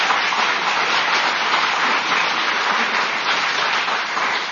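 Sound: audience applause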